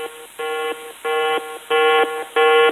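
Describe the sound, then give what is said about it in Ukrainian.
A yellow-level drone danger alert sounds as four harmonic electronic beeps in a steady repeating pattern, each tone alternating between two pitches, growing slightly louder with each repetition and with no voices. “Дронова небезпека. Жовтий рівень.”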